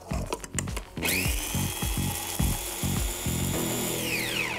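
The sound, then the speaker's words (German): A few clattering knocks, then a blender motor spins up into a loud, steady high whine over rhythmic rattling thumps as Timut pepper and a little flour grind together, winding down at the end. “Ein bisschen Mehl mit dem Pfeffer rein in den Mixer und das alles schön zermahlen.”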